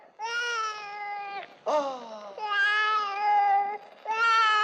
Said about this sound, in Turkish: Aa, bu çocuk kimin burada? Sen mi, sen mi yavruladın yoksa bunu? Ha? Bu da ne güzel bebek böyle. Ne ağlar durursun canım? Kafanı mı şişirdi bu köpek senin?